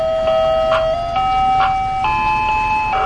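A tinny electronic ice cream truck jingle in Detroit in summer plays a steady, stepwise melody of sustained tones, fairly loud, with a faint rumble of traffic underneath and no one talking.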